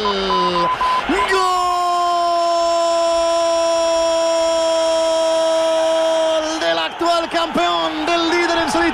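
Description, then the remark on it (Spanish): A stadium crowd at a Barcelona versus Valencia football match roars, shouts and protests toward the directors' box after Barcelona's early goal, in a constant dense wash, while a loud, long held tonal note, like a horn or a sustained yell, rides over the din for several seconds. “Estalla, que arde, que se viene arriba, que protesta, que grita y que se dirige hacia el palco, viendo que en tan solo 8 minutos el Barça retrata lo que es ahora mismo el Valencia”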